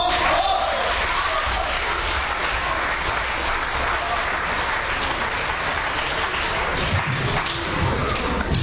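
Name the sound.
audience applause welcoming performers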